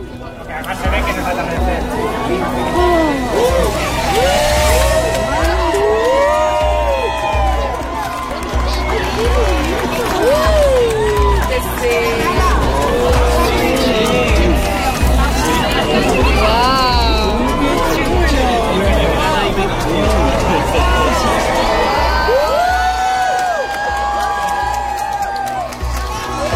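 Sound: crowd cheering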